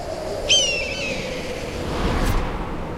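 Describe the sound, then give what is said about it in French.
A gigantic black eagle gives a single sharp, high-pitched cry that slides slightly downward, followed by a faint soft rustle over a steady low background hiss. “C'est un aigle noir. Il est gigantesque.”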